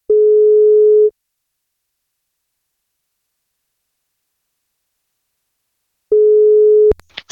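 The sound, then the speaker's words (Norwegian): A telephone ringback tone sounds twice, each a steady one-second hum separated by a long silence, then the second ring is cut short by a brief click as the line connects, as a radio station phones a man turning 44 today to give him a birthday cake. “Vi skal plukke opp telefonen vi og se om vi får tak”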